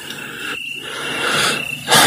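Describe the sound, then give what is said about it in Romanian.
Crickets chirp in a steady, high-pitched trill that runs unbroken through the whole stretch, over a soft hiss that swells into a louder rushing burst at the very end. “Ce liniște. Doar greierile cântă.”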